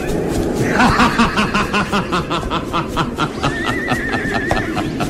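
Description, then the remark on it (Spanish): Horses neigh and whinny loudly as their riders dismount and lead them by the reins through a blizzard toward a hillside, several shrill cries overlapping over a busy background with some clip-clopping and faint voices. “Calimán y Solín se apean de los caballos, estirándolos por las riendas”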